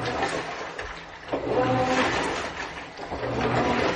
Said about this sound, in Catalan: Ah, una rentadora. Cada model té el seu so, eh? És una rentadora, sí, sí.